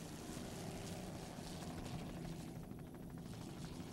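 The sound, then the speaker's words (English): The engine of Pier 57 Stainless, a 38-foot Fountain offshore racing powerboat, roars steadily and loudly throughout as it passes, a dense continuous drone with a low throbbing rumble and wash of water noise, no voices. “Bill McComb, Rick Turmel, driver and throttle man aboard that boat.”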